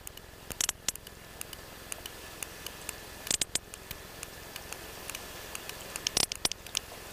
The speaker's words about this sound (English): We often write descriptions of sounds on the piece of paper, and that one says click, click, click. And so sperm whales living on opposite sides of the Mediterranean have developed these distinct vocal dialects.